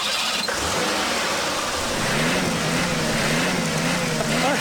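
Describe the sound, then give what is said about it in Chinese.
A car stuck in mud revs its engine steadily as someone tries to drive it out, after mud is dug from under the wheel. The pitch climbs and wavers as it strains under load, loud, with a broad gritty roar of spinning wheels and no talking. “来、来，你再去开一下车，试一下啊！”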